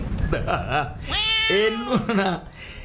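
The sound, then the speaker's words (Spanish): A person imitates a cat's meow with a loud, drawn-out whining call that rises and falls, following a brief burst of speech. “¡Se robaron el gato! ¡Miau!”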